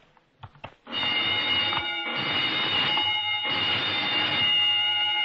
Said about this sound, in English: What's that? Oh, just testing the burglar alarm, I guess.